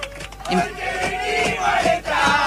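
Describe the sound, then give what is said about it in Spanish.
A crowd of passengers inside an airplane chants and shouts together, a loud, sustained wall of voices with rhythmic swells and a brief dip near the end. “Esto es adentro del avión. Y empiezan a gritar y empiezan a cantar.”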